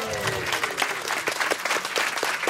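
A crowd claps steadily with scattered cheers and whoops, a dense burst of applause lasting a couple of seconds, during a live broadcast from Kulturmødet Mors.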